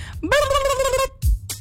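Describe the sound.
A person imitates a turkey gobble with one loud, warbling, drawn-out vocal call, followed by a brief low thump and a short breathy sound.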